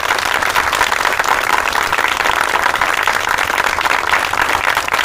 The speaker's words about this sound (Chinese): 掌声欢迎。